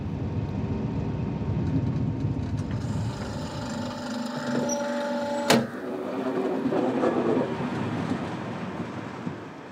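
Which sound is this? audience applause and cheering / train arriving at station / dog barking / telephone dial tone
train arriving at station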